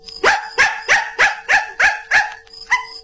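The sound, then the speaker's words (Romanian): A dog named Capi, asked to read a watch, barks out the time 7:15: seven barks in a steady, evenly spaced rhythm, a brief pause, then one final bark. The barks are loud, with no talking. “Bravo! E într-adevăr ora 7:15. Ce cățel învățat!”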